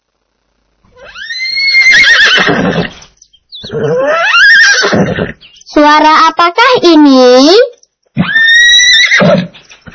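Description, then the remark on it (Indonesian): Several loud horse whinnies in quick succession, each a shrill, quavering neigh that rises and trembles before dropping off, with a brief spoken question near the start. “sendiri adalah kuda.”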